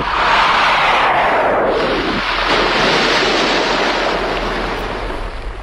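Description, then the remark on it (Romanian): A spacecraft splashes down hard into the ocean: a loud, continuous roar of churning water and spray over a deep low rumble, sustained throughout, with no voices. “Cam violent impactul ăsta cu apa oceanului.”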